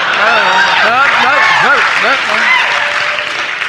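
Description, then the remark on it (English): A crowd applauds steadily for a few seconds during a comedian's impression of President Kennedy's Berlin speech, the dense clapping tapering slightly toward the end while a voice speaks over it. “I don't do this for applause.”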